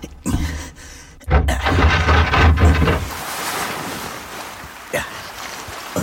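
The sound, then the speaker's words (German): Ocean waves surge and wash, a broad rushing swell building after a second and then easing into a steady hiss of surf, with gusts of wind buffeting the microphone, at sea on a cold night with the moon shining on the waves. “Der Mond spiegelte sich riesengroß und silbern auf den Wellen.”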